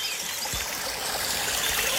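A small stream in the Turmbachtal valley of the Black Forest trickles and babbles steadily, a continuous bright wash of running water with no voices or other sounds.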